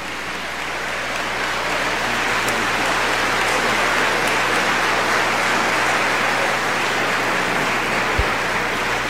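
A crowd applauds steadily to welcome Minister Ismail Muhammad, National Assistant Minister to Minister Louis Farrakhan, a dense, even wash of clapping that holds at a constant loud level throughout, with no voices rising above it.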